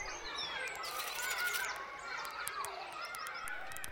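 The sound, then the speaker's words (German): A busy chorus of small birds, sparrows among them, chirping and twittering, with many quick high-pitched calls overlapping steadily throughout, moderately loud, with no voices. “Die drei kleinen Vögel verbrachten noch einige Zeit miteinander, flogen um die Wette, spielten Fangen und zwitscherten sich ihre schönsten Melodien zu.”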